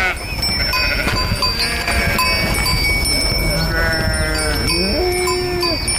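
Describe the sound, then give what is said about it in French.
A flock of about a hundred ewes in vineyards bleating over one another, with bells clanking and ringing steadily throughout, dense, with a faint voice somewhere in the background. “Et donc l'année dernière, on a débarqué avec une centaine de brebis pour faire un essai.”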